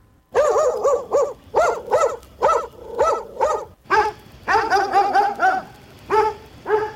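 Dogs bark loudly and close by in a rapid, fairly steady series of about fifteen barks. The barking grows denser toward the end, as though several dogs are joining in, with no talking.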